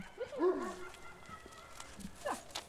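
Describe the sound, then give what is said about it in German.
A dog barks and yips in two short bursts, a busier cluster early on and a single quicker one near the end, moderately loud over quiet background noise, at a dog boarding kennel. “Heute kommen zwei neue Tagesgäste. Australian Shepherd Elmo aus Ringenberg und Labradudel Alf aus Bocholt.”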